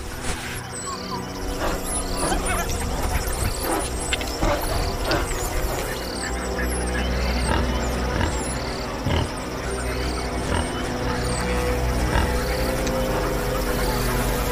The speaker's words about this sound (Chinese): 非洲野犬的捕猎技巧在于团队的配合以及猎手之间的默契。每次发起攻击，他们都能把这项优势发挥到极致。